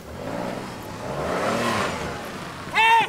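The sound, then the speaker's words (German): A car engine revs and rises in pitch, steady, as a girl drives off in a car she is stealing, followed by a sharp tonal squeal or horn-like burst at the end. “Die klaut nämlich gerade ihr Auto.”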